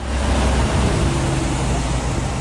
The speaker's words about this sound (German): Lkw und Autokolonnen schieben sich durch Fürstenberg. Meist mit Tempo 30, doch Lärm macht es trotzdem.